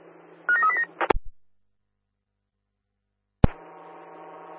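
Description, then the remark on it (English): Telephone dialing tones: a short cluster of electronic beeps ends in a sharp click, then silence. A second click follows and a steady buzzing tone continues. Nobody speaks. “Can you guys call first stop phone?”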